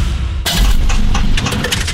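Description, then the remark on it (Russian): A low car engine rumble suddenly bursts into loud grinding and metallic clanking, with rattling knocks and cracks continuing as the engine breaks down. “Слышали? Так прощается двигатель.”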